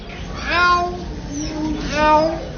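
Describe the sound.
A mynah bird, a talking starling of Southeast Asia, mimics a cat's meow, giving two drawn-out, rising-then-falling meows separated by a short pause, over faint background noise.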